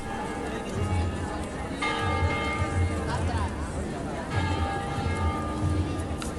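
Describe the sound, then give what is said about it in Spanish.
Church bells ring out loudly, with fresh strikes every couple of seconds and long shimmering tones that hang in the air over a murmuring crowd and low outdoor rumble. “Suenan de nuevo las campanas.”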